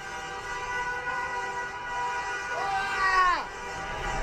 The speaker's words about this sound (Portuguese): Dessa vez, torcedor. Tá muito faceiro. Várias buzinas pra lá, buzina pra cá.